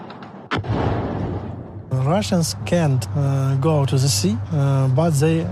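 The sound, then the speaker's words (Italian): A single sharp blast of anti-aircraft fire in Odessa, Ukraine, cracks out and rumbles away into a noisy tail, then a man starts talking over a steady low hum. “Qui il rumore dei droni e quello dell'antiaerea sono diventati una sorta di inquietante colonna sonora dell'estate.”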